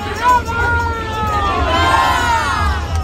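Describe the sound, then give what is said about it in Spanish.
A crowd in Coria chants and cheers "Viva Granada" as the Sin Pecado cart of Granada arrives in a procession, a loud, continuous swell of voices with overlapping pitches rising and falling over a steady low rumble. “y veis cómo está Coria, cómo han empezado con el cántico, ya está aquí Granada,”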